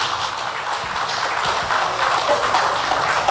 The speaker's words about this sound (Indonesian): Baik, kami sampaikan selamat datang untuk Wali Kota Batam sekaligus Kepala Badan Pengusahaan Batam, Bapak Haji Amsak Rahmat. Boleh tepuk tangannya.